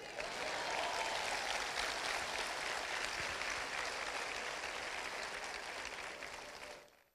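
An audience applauds steadily for about six seconds, a dense, even wash of clapping with no voices, before it tapers off and stops.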